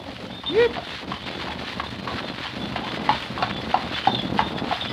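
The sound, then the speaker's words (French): Horse hooves clip-clop at a steady, unhurried pace on a very hot day, a series of light knocking steps over a dull outdoor background. “Le pauvre cheval doit être bien fatigué.”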